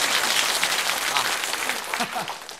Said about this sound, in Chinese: 好嘞， 大家为我鼓掌， 给他鼓掌啊！